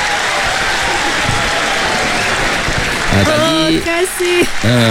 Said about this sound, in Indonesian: Bagi tepukan.